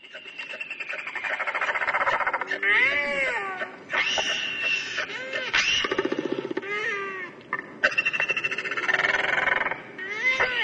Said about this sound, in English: The Toroa, the Royal Albatross.